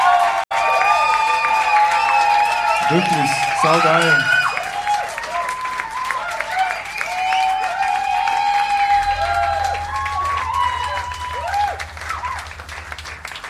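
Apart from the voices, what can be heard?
audience applause and cheering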